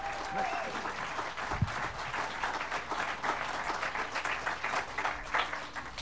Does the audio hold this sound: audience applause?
yes